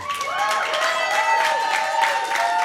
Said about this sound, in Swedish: Världens största applåd för dem.